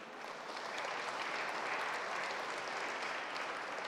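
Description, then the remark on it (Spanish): An audience applauds steadily in congratulation for someone's birthday, a dense, even wash of many hands clapping that carries through the full four seconds without fading, with no voices rising above it. “para quien también le damos un aplauso de felicitación.”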